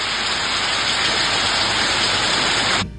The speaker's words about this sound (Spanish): Suena un poquito. Escuchemos un poco el sonido de la lluvia en San Pedro de La Paz.